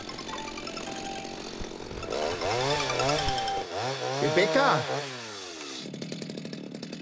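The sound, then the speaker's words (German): A chainsaw runs with a steady buzzing drone, its pitch rising and falling in swooping revs as it speeds up and slows, while a voice calls out once over the noise. “Ruhestörung wegen einer Motorsäge?”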